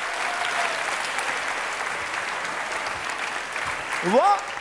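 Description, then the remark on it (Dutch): An audience applauds steadily, a dense even patter of many hands clapping throughout, with a brief whoop or rising cheer near the end. “Klappen.”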